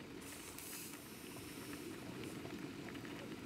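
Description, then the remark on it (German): A pot of wild herb tea boils steadily, a dense bubbling rumble with hissing spatters on top, continuous and fairly loud with no voices. “Daneben kocht Wildkräutertee für ihren Mann.”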